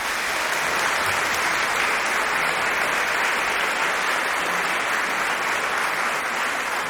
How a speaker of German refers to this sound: Einen großen Applaus für den Rundfunkchor Berlin und für Chefdirigent Gijs Lennerts. Danke.